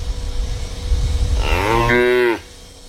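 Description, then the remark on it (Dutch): A cow signals that it needs something with a single loud moo that starts low, climbs quickly in pitch and then holds steady before cutting off, with low outdoor rumble underneath and no talking. “Maar dan heb je die geluiden waarin de koeien duidelijk aangeven dat ze iets nodig hebben.”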